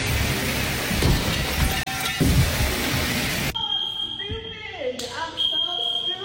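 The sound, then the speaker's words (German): A dance pole set up in a living room topples while a woman hangs on it and crashes into the sprinkler system: about three seconds of loud, rough clattering and shattering noise, then a shrill, steady alarm-like tone with voices calling out. “Also hat sie die Stange in ihrem Wohnzimmer aufgebaut, sich dran gehängt und zack, fällt das ganze Ding um und kracht gegen die Sprinkleranlage.”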